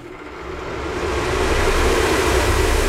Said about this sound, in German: Man kann zum Beispiel einfach ohne Not einfach einen Ventilator anmachen. Warte mal, machen wir mal kurz hier. Windstärke 12.